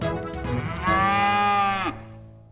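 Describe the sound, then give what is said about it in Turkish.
A single long cow moo from a hungry cow, loud, rising into a sustained harmonic bellow for about a second before dropping off, with no talking. “İneğim acıkmış. İnekler ot yemeye bayılır.”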